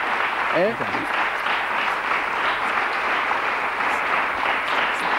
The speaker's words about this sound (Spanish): Porque lo primero que vamos a hacer es pedirte una ovación gorda y que... Mira, fíjate la ovación de la...